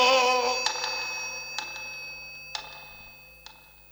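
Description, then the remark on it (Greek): A bell-like telephone ring opens loud and fades, leaving ringing tones behind, then sharp metallic strikes land about once a second at a fairly quiet level. No voices. “στο τηλέφωνο οι πληροφορίες έχουν φτάσει.”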